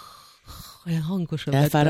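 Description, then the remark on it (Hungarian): A voice imitates a sleeping person's soft breathing: a breathy airy exhale, then a few short voiced puffs and hums in an uneven rhythm, gentle rather than snoring. “és hallottam, ahogy szuszog. Olyan kis cukint. Nem horkolva, csak olyan...”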